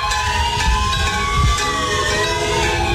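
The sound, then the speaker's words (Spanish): Emergency sirens, bells and car horns blare together on a street in Cali during a tribute at 7:34 to the 154 people killed in the 10 August earthquake, one month later. The sound is a loud, steady wall of overlapping tones holding for the whole stretch, with traffic rumble underneath and no one speaking. “Empieza el homenaje en Cali, escuchan ustedes las sirenas, las campanas, las bocinas de los carros, exactamente 7:34, un mes después del terremoto.”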